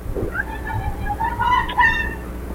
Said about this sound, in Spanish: Después del grito, que ahí empiezan a entrar los ladrones, ella se percata y va hacia... Y ahí grita, ¿no?